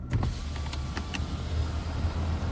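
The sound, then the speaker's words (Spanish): A car's electric window whirs steadily as it rolls down in summer to let in air, in a car without air conditioning, a continuous motor hum over the low rumble of the vehicle's interior, fairly loud, with no voices. “¿Otro verano bajando la ventanilla a ver si entra algo de aire?”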